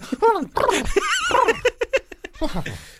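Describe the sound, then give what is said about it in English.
A person makes a vocal dog impression, a run of whiny, warbling yelps and short panting huffs, fairly loud, with a laughing, giggly quality. “That's my impression of a dog.”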